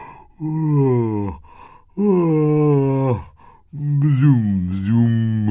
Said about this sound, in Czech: Z květu se vybatolil medák a zíval na celé kolo.